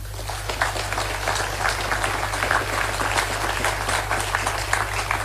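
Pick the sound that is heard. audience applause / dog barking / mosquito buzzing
audience applause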